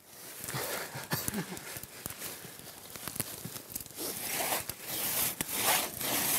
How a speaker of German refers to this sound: Den Stamm wollen sie in etwa 3 Meter lange Stücke schneiden. Dazu benutzen die Zimmerer wieder die Trommsäge.